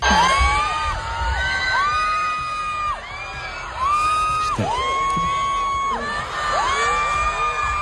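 A huge stadium concert crowd at the Bernabéu screams without letup, countless high-pitched shrieks and whoops overlapping into a loud, continuous roar that dips only briefly before surging again.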